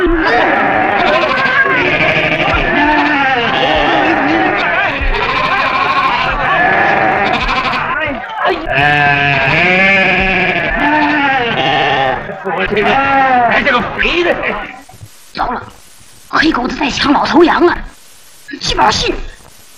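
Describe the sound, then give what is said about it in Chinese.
A loud chorus of goats bleating as they are urged to move along, many wavering cries overlapping almost continuously, then thinning into scattered, sharper bleats and bursts of noise toward the end. “哎，来，走，山羊去，走，山羊去。”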